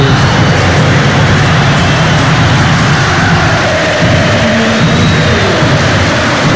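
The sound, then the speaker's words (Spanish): A stadium crowd gives Colo Colo's Arturo Vidal a sustained ovation as he is substituted off, a loud, dense roar of applause and cheering that holds steady for several seconds without letting up. “Para los aplausos, escuchemos. Ovación para Vidal.”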